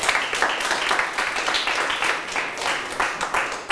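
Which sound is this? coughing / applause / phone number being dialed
applause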